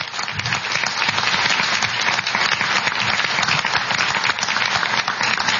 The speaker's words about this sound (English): Okay. I think they've both done a great job. We can give them a round of applause now, even though it's breaking the rules.